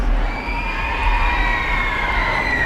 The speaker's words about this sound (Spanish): Y ahora sí se puede escuchar los gritos del público que llevaba allí esperándole algunas horas desde esta madrugada. Esos son los gritos,